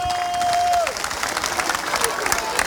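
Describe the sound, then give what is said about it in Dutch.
A crowd at a tournament bursts into applause for number 8, Manchester United: dense clapping with scattered cheers, following a sustained tone that fades out in the first second. The clapping stays steady for the rest. “Maar ik wil toch een applaus voor de nummer 8, Manchester United.”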